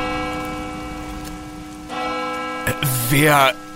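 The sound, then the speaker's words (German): A church bell rings with a long, humming resonance over the steady hiss of falling rain, struck again partway through, before a brief voice cuts in near the end. “Wer läutet denn jetzt die Kirchenglocke?”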